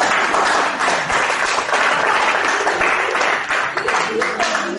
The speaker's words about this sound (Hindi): इस बात पे ताली हो जाए प्लीज।